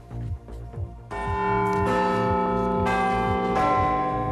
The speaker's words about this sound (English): And Big Ben is set to have a new keeper. We'll bring you inside the world's most famous clock and its mechanisms.